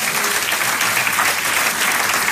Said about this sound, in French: année soit une année d'abondance et de bénédiction et que tous ceux, pas juste qui veulent ça, mais qui vont persévérer comme Abraham, qu'ils vont persévérer jusqu'à l'obtention de la promesse, disent Amen et applaudissent bien fort le roi des rois.